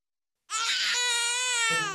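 A baby bursts into a loud, sustained wail after a brief silence, one continuous high-pitched cry held strong with no talking; the baby is crying because it has soiled its diaper.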